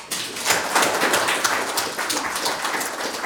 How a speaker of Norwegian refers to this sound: Skal vi begynne med en liten applaus?